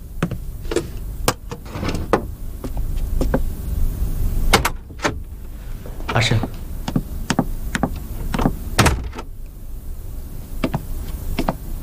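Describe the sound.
A door is pounded on again and again in loud, irregular thuds and rattles, with a brief voice calling out partway through, demanding that the door be opened, before it is opened.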